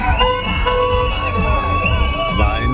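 A lively crowd of happy students cheers and shouts while horns toot steadily over the din at their celebration, with cars involved. A sustained, loud celebratory mix with sharp whoops rising above the continuous honking.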